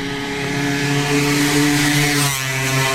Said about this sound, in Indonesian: Maaf bu, kalau saya nggak spontan ngedorong, ibu bisa keserempet motor yang laju tadi loh bu.